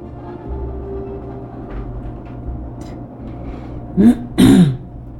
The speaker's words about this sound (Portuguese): Desculpa, pigarrinha.